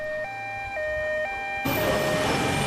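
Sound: ambulance siren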